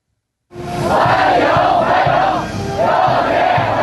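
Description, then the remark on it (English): A loud crowd of Chinese teenagers chants a welcome in unison, waving Chinese and American flags and greeting President Trump on his arrival in Beijing. Their voices rise and fall in steady rhythmic swells that begin abruptly and continue throughout. “And that's the sound of Chinese teenagers chanting welcome, waving Chinese and American flags in unison, greeting President Trump on his arrival in Beijing this morning for talks with Chinese President Xi Jinping, which are expected to be difficult.”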